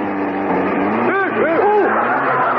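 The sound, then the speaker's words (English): An old car engine roars and accelerates as the driver puts his foot down, its steady loud rumble swelling with rising, wavering whines over a couple of seconds. “Put your foot down, Henry, or we'll never get back to supper. Right, Bishop, I'll show you what this old bus can do.”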